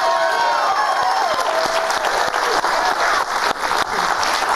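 A show's crowd bursts into sustained applause and cheering as a guest is brought on, dense clapping filling the whole stretch with whoops and high shouts rising over it, loud and steady throughout.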